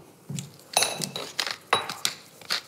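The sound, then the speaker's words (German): A pepper mill is twisted in several short, uneven turns over asparagus drizzled with olive oil on a baking tray, each giving a crisp, gritty crunch with faint metallic clinks; no one speaks. “Dann kannst du mal ein paar Runden mit der Pfeffermühle drehen.”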